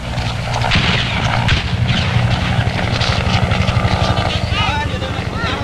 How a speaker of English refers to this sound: Saigon, April the 30th, 8 o'clock. The last American helicopter on the roof of the American embassy prepares to lift off the last of the evacuees fleeing before the advancing communist armies.